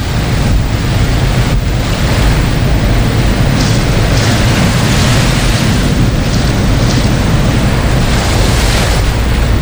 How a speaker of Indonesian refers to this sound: Kencang sekali nih gelombangnya.